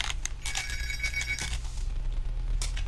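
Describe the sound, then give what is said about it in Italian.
A telephone rings for an incoming call with a bright, warbling electronic tone that holds for about a second and a half, then trails off into a low background hum, with no one speaking. “Ecco, arriva una telefonata e la prendo.”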